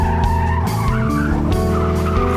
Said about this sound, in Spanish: Lastimosamente, al regresar, no se percató que un auto venía a gran velocidad y lo arrolló.